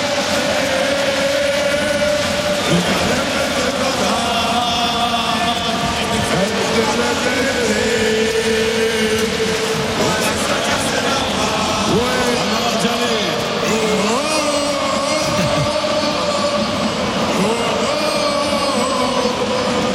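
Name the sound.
stadium crowd chanting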